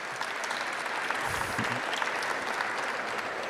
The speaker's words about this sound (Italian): Alla mia sinistra Gabriele Fava, che è presidente dell'INPS. Chiedo un applauso uno alla volta, se lo meritano.